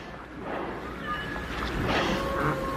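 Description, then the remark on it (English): A large boat moving on open water, its steady engine hum blending with the wash of waves and wind, continuous, with no one speaking. “Could they be afraid of the big boat?”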